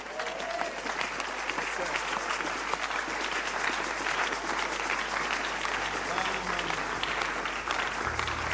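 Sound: audience clapping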